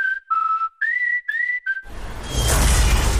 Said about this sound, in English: Smashed roof. Shattered carport. Nothing like a rogue space capsule to bring you back down to Earth